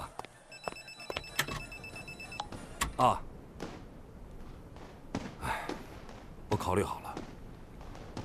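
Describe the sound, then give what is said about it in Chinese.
A telephone rings for a couple of seconds near the start, a bright electronic trill, followed by clattering knocks and room movement with faint murmured voices in the background. “哦，电话，你们接着聊。”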